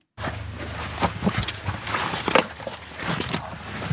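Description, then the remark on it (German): Several footsteps thud irregularly down a short flight of steps into a dark underground passage, about 1 metre wide and 1.5 metres high, leading to a military drone team's command post in Lithuania, with a low ambient rumble underneath and no one speaking. “Ein paar Schritte geht es hinunter, dann umgibt den Besucher Dunkelheit.”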